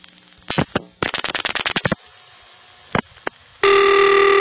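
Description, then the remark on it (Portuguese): An old home telephone bell rings in short, rapid clattering bursts, loud, as a subscriber rings the operator's switchboard to place a call, followed by a couple of brief clicks and then a steady, buzzing line tone at the end. “Então, os que tinham aparelho em casa, quando eles tocavam para falar, com a comadre ou com a professora do filho ou com a escola, caía aquela plaquinha do telefone.”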